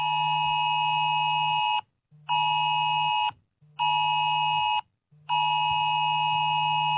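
A loud, harsh electronic alert tone blares in four long bursts of about 1.5 seconds each, separated by brief gaps, the piercing AusAlert emergency warning system test on a mobile phone in Australia at exactly 2 o'clock, with no voices.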